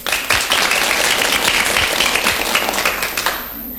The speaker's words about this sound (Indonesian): Mana tepuk tangannya?